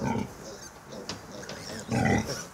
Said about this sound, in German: Bei den Schweinen ruft Muttersau Grete zur nächsten Mahlzeit.